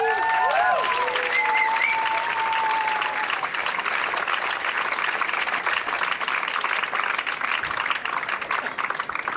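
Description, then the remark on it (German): A crowd applauds steadily for the radio station Ö1 at a live music performance, a dense, even wash of clapping that holds at full strength for the whole stretch, with a couple of whistles rising over it at the start. “Deswegen großen Applaus für Ö1, bitte.”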